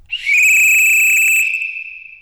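A single loud, shrill whistle blast, blown to signal the start of an event, holds one steady high pitch for about two seconds, then trails off, alone with no voices.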